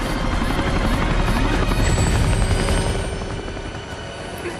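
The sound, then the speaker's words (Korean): Two helicopters roar loudly overhead as they fly over snow-covered mountains, a dense, steady rotor thump and engine whine filling the scene before easing slightly toward the end. No voices are heard. “두 대의 헬기는 설산 위를 비행한다.”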